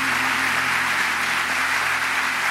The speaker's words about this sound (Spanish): Fuerte ese aplauso para el Señor en esta tarde.